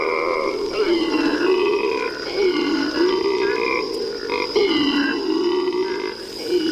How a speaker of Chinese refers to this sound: 这是伊贝拉湿地唯一的灵长类动物发出的声音，那就是吼猴。每天清晨，吼猴都会用叫声向其他猴群告知自己的位置。